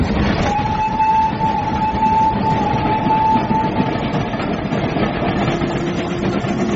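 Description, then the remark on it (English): A train about to rush into a tunnel roars along at speed, a dense, steady rumble of wheels and carriages with a thin high whine running through it, loud throughout with no voices. “I say, the train's about to rush into a tunnel.”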